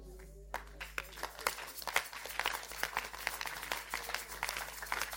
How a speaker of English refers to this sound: Those who are clapping, God will show you mercy.